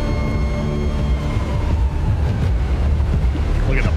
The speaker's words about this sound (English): Bubbling metal.